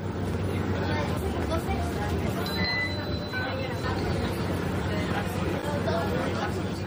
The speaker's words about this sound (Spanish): Trayecto en autobús urbano por Barcelona.